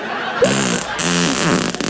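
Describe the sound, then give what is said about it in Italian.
A loud, sustained fart with a buzzy, harmonic rasp that wobbles in pitch for nearly two seconds, ending in a few sputtering bursts. “Lo sapeva che io riesco a scorreggiare dal culo a richiesta?”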